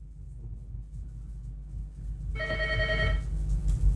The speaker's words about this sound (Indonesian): Kita awali dengan menerima telepon.